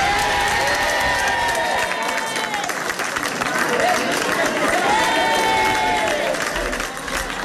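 Residents of Aldea del Fresno, Spain, burst into sustained applause and cheering at the announcement that their town begins de-escalation, dense clapping filling the whole stretch at a steady, loud level, with rising whoops and shouts carrying over the top.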